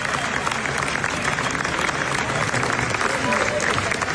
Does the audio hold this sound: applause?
yes